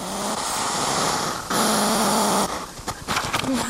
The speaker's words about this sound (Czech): Takhle funí ježek. Jsem ráda, že svými ostny ježek nezaútočil na mikrofon, protože mu byl velmi blízko. Zvukomalebné to bylo, musím uznat, a už rozumím tomu, jak důležitá je pro ježka jeho schopnost hlasitého funění.